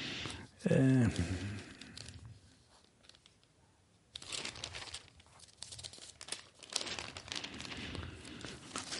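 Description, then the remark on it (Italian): Paper crinkling and rustling as newspaper pages are handled and turned to the third page, with a brief louder crumple early on and steady crackly rustling afterward. A voice is briefly audible at the start. “Andiamo a vedere solo una cosa che non avevamo controllato, ma la terza pagina del giornale ha sempre qualche sorpresa.”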